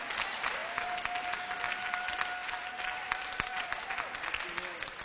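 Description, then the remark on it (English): An audience at a sermon claps their hands to thank God, a dense, steady wash of applause for several seconds, with a sustained tone held faintly underneath, like a voice or instrument note. “So can you clap your hands and say, thank God for the house I'm living in.”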